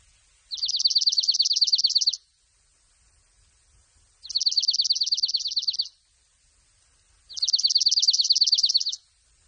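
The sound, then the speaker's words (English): A snowbird calls three times, each a rapid, musical trill lasting under two seconds, evenly spaced, with quiet gaps between and no talking. “Also, I will tell you that it is known as a snowbird.”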